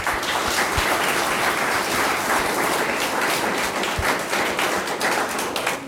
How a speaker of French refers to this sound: vous pouvez applaudir.